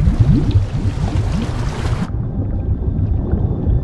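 Water bubbling and gurgling continuously beneath Dumbledore's outstretched hand, a dense churn of low, rising blips at steady loudness, with a bright hiss over the first half that drops away, leaving a duller rumble.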